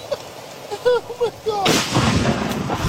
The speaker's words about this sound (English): You know, he's hiding right. under trees, and right. then the lightning strikes.